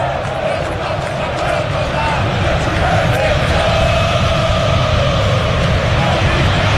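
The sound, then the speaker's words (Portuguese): A huge crowd of Corinthians football fans chants in unison at the stadium in Itaquera, a dense, loud wall of many voices holding a steady sung tone that carries on without a break. “Pintou o grito da torcida do Corinthians em Itaquera, é claro, insatisfeita com a campanha da equipe”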